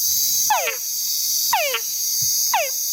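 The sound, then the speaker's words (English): Three whine calls of a male túngara frog, each a short, falling, nasal call, repeat about once a second, clear over a steady high-pitched insect chorus. “And the males of this frog make a sound that we call a whine.”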